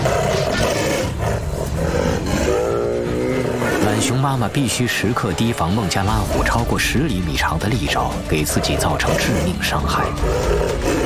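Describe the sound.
A male Bengal tiger, Matkasur, attacks a mother sloth bear defending her cubs: loud, continuous growls, roars and snarls from both animals, with a person speaking over the fight throughout.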